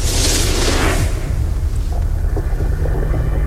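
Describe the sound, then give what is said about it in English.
A can is slowly cracked open, letting out a drawn-out fizzing hiss that fades after about a second, over a steady low rumble, with no one talking. “That was the perfect slow crack you had going there.”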